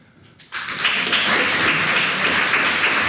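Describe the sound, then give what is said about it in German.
A crowd bursts into applause after a brief quiet moment, the dense clapping staying loud and steady for about two and a half seconds without any talking. “Könntet mal alle klatschen, die das so ein bisschen übergriffig finden?”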